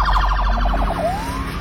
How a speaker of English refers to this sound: So if you hear those are new Florida Highway Patrol sirens. That one, that kind of cuts through. I mean, it sounds like I'm at a casino.